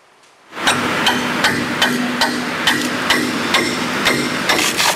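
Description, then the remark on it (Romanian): Steady metallic hammer strikes ring out about twice per second over a constant mechanical hum at a busy construction site in Bucharest, Romania, where district heating pipes are being replaced, with no voices. “În București se deschid luna aceasta 5 șantiere noi de reparații.”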